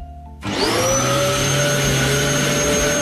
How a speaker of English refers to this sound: Do you know what that is? Yeah, it's a vacuum.